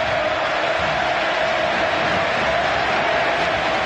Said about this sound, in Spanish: Escuchá cómo lo recibían en el nuevo gasómetro. El primer equipo titular de Russo y una gigante ovación para Rubén Insúa.